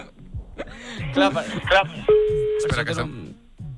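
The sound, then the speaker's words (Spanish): An unanswered phone call over a speaker reaching a Movistar voicemail: a steady electronic tone sounds once for about half a second amid a recorded voice message, with people talking. “Buzón Movistar. Hòstia, el tío. És que no, estem... no l'agafa”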